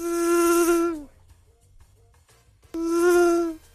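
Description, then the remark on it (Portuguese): A Wonder electric drill whirs in two roughly one-second bursts separated by a short pause, a loud, steady high-pitched motor whine with a gritty edge that winds down slightly as each burst stops. “Qual é esse equipamento da Wonder? Nossa, eu vou chutar. Qual? Porque o barulho, o seu... Furadeira. Acertou.”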